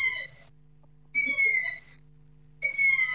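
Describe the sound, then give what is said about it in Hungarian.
A long-eared owl chick's food-begging call, recorded on the grounds of a camp: three high, drawn-out, slightly raspy squeals repeated at regular intervals, clear, with no other sounds. “Ez az erdei fülesbagoly fiókának az eleségkérő hangja.”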